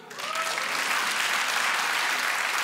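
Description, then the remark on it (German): An audience breaks into applause for those who have children, a dense, steady wash of clapping that swells quickly and then holds at a loud, even level throughout, with no voices on top. “Habt die Kinder, einmal per Applaus.”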